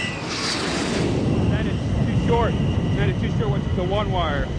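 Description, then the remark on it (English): A loud, steady roar of an F-14 Tomcat jet coming in to land on an aircraft carrier deck fills the whole stretch, with faint, radio-like voices giving landing-approach calls underneath. “115, Tomcat ball, 8.0. Roger, ball, 28 knots, down the angle.”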